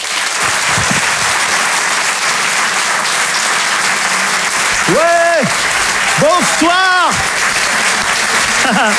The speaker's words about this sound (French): Merci de l'applaudir lui aussi très fort. Voici Laurent Barra.